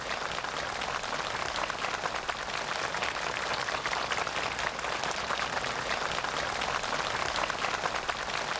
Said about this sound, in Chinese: 在双方陪同人员和朝方学员们的热烈掌声中，习近平和金正恩在植树标志碑前握手合影。